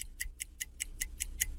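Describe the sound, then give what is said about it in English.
A game timer clock ticks quickly and steadily, about five crisp, bright clicks per second, clear over a faint low hum, with no voices, timing a rapid-fire word-answer game round until it runs out. “The clock ran out after your seventh answer.”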